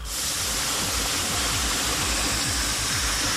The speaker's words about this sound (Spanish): Vamos para 3 a 4 horas que se está derramando el agua aquí en el sector K, en la calle de Monte Albán, casi esquina con Cardenal.